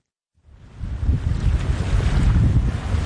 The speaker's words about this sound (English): Ah, summer on Cape Cod. Sun, ocean breezes, and plenty of waves.